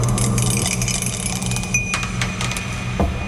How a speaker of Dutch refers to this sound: Maar ja goed, we hebben geen zeggenschap over de dobbelsteen natuurlijk. We gaan even kijken wat het wordt vandaag.